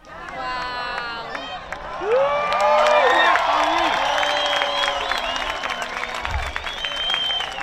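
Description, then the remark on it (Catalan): A crowd at Cala Blanca, Menorca, erupts in spontaneous cheering and applause at the totality of a solar eclipse, with overlapping shouts, whoops and excited voices rising together, loud and sustained throughout, with scattered clapping underneath. “També hi va haver ovacions espontànies com aquesta Cala Blanca a Menorca.”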